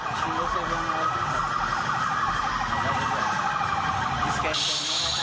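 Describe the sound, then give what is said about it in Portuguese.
Several police and emergency sirens wail together in a slow funeral procession of dozens of public security vehicles through the streets of Almenara, Brazil, their overlapping tones rising and falling over a steady rumble of vehicle engines, loud throughout. “A despedida foi marcada por aplausos, sirenes e manifestações de respeito à trajetória de Charles”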